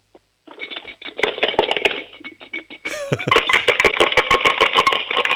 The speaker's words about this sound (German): Hast du eine Sparbüchse? Ja. Dann hol mal die Sparbüchse und schüttel sie mal. Ich möchte alle Münzen da drinnen hören.